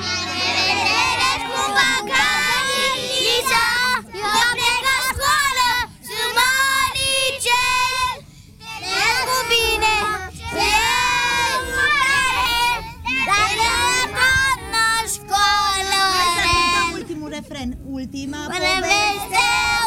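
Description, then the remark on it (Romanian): A group of young children sings a farewell-to-kindergarten song together, loud, their high voices carrying the melody steadily for the whole stretch with only brief breaths between lines. “Mai cântați-mă pe aia cu La revedere grădiniță, vă rog frumos, mă rupe.”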